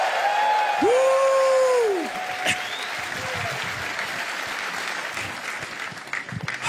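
An audience erupts in triumphant shouting, with a loud rising-and-falling whoop early on over steady clapping and crowd cheers that carry on without letting up.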